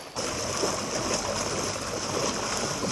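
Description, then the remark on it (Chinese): Rain-swollen Guanshan River floodwater rushes loudly and steadily over a road in Guanshan Town, Danjiangkou, up to 70 centimetres deep, a dense, continuous roar of churning water for the whole stretch, with no voices. “道路一侧的关山河河水已经漫过路面，最深处积水足有70厘米。”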